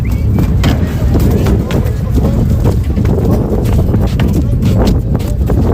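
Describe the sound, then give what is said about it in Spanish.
Horse hooves clatter and thud onto a wooden boarding ramp in quick, irregular steps, loud, over a steady rumble of background noise and indistinct voices; a group of horses stepping off sand with a small hop up the ramp to board a transfer vessel. “Se oyen así esos cascos de caballos que dejan de caminar ya por la arena y dan un pequeño saltito cuando suben en la rampa.”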